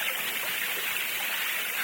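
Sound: rushing waterfall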